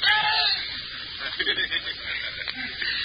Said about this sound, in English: Let me hear him scream.